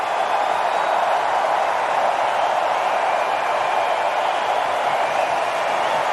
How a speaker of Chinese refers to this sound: 加拿大的观众呢，应该是在给受伤的队员在鼓掌，在安慰他，在激励他。